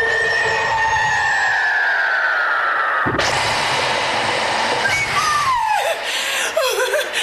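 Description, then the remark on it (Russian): A falling whistle-like tone gives way to a sudden loud, sizzling hiss and rush of a cauldron boiling over in a kitchen, water spilling over its edge, like liquid onto a fire, with wavering shrieks and cackling mixed in. “Котел перекипает.”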